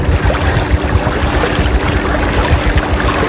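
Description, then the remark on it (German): A rented motorboat chugs along slowly with a steady low engine hum, water splashing and rushing continuously against the hull, even in loudness throughout. “Man fährt ja nicht schnell mit so einem ausgeliehenen Motorboot.”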